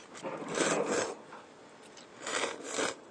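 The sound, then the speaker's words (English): Two drawn-out, airy slurps of someone sucking up noodles together with their soup, each a rough, hissing burst lasting about half a second, with a short pause between them and no talking. “That's how you eat them? Yes, by slurping.”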